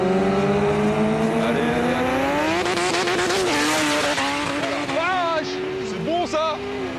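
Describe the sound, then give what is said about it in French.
A 1000-horsepower Honda Civic and a BMW S1000RR sport motorbike (200 horsepower, 200 kilos) race from a rolling start, their engines revving hard with a steady climbing whine that breaks into quick pitch drops and rises at each gear change, loud throughout. “Steve avec sa Honda Civic de 1000 chevaux qui m'a explosé tout à l'heure littéralement, à ma gauche Samuel, mon vieux pote avec sa BMW S1000RR, 200 chevaux, 200 kilos.”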